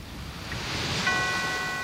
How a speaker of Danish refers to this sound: Bølger, kirkeklokke, hvad mere skal du bruge? Så ved du, det bliver godt! Hvis du kan høre en bølge og en kirke.